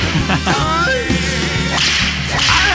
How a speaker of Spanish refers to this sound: Latigazos.